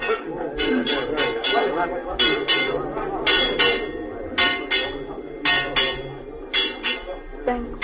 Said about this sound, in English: Awake! Awake! Ring the alarm bell, murder and treason.